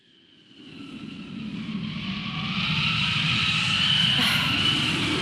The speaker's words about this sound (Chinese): 哎，又刮大风了，这今天咋了？大风天气这么多。